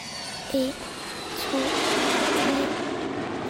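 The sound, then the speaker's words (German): Airplane engines start and spool up into a steady, broad roar that swells and holds, heard aboard a passenger plane, with a few short tonal blips early on and no talking. “Als die Motoren starten, denke ich wie immer an den Tod.”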